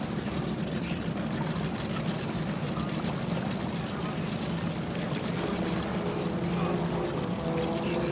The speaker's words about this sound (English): Good looking boat. 66 miles per hour. Hey, you know, that boat's probably stock. You know, he's probably been around that thing on the lake for who knows how many years. Good pass.